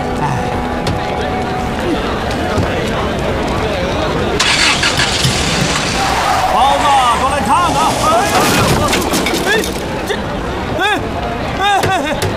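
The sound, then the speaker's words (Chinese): A car engine runs and revs steadily, with a sudden harsh burst of noise partway through as a tire is punctured, while a crowd murmurs in the background. “怎么开的车啊？ 你怎么开的车啊，老总？你什么？ 轮胎扎了，赶紧给我备胎。”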